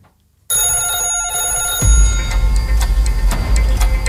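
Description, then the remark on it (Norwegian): A telephone rings in a radio studio with a bright, warbling electronic trill that starts suddenly after a brief silence, then gives way to a low rumble with steady, regular ticks. No one speaks. “Og det ringer.”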